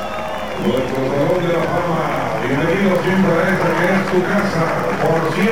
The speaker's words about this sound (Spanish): Ahí está Cecilio Ruiz saludando a la gente en la pantalla. El aplauso del respetable, saludando al nativo de Balancán.